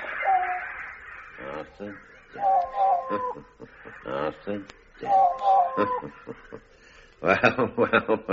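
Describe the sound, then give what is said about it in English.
An old bird, the leader called the Wise Old Bird, squawks in a series of harsh, raspy calls, loud, with pauses between bursts and a quick run of squawks at the end. “We call him the Wise Old Bird. Ah. And this is him, is it? This is him.”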